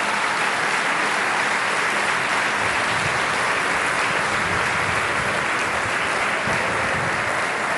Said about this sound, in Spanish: Un fuerte aplauso de nueva cuenta.